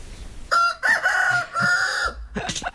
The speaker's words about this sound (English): Very clear now where we are. in the chicken pen here.